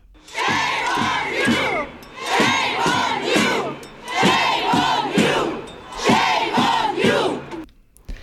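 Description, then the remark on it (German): Hundreds of people chant in unison at a December demonstration on the Bundesplatz, loud rhythmic shouted phrases repeating in steady bursts with brief pauses between them, continuing for several seconds before cutting off. “Das sind Aufnahmen vom Dezember. Hunderte Menschen demonstrierten auf dem Bundesplatz.”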